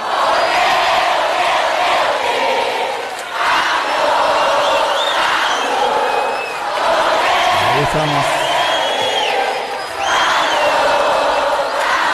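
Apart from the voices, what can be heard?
audience cheering and shouting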